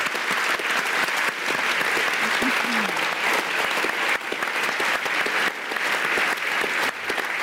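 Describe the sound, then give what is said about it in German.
Sustained audience applause at a live event for the man who devised it, who is present, a dense, steady wash of many hands clapping at full loudness throughout, with a faint murmur of voices briefly audible beneath it. “Ein Applaus für Jochen Wittig, der heute hier ist, der sich das alles ausgedacht hat.”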